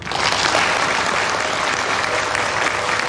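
A crowd claps steadily throughout, a dense, even wash of applause with no breaks and no voices rising above it.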